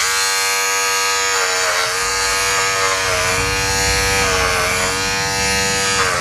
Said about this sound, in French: On va s'arrêter là parce que ça fait un petit peu mal aux oreilles quand même. Hein. Oui. Bah, effectivement, c'est pas un bruit très très agréable. Pascal, ça vous fait penser à quoi vous alors? Un rasoir électrique. Bah ouais, carrément, c'est ça.